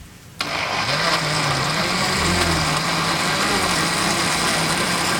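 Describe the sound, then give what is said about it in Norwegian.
After a brief near-silent moment, a smoothie blender at a Narvesen on Torgallmenningen switches on abruptly and runs steadily for several seconds with a loud, dense motor whir and churning noise as lumps turn to liquid. Nobody speaks. “Du hører lyden, altså, det starter samtidig, og så hører du klumpene bli til væske.”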